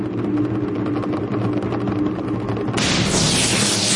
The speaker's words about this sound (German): Ihr hört den Donner.